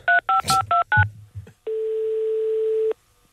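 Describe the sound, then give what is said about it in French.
Five quick, evenly spaced touch-tone beeps as a police complaint hotline number is dialed live on air, with faint handling noise, followed by a steady, unbroken tone lasting over a second. “Je vais donc l'appeler en direct dans Matin Première.”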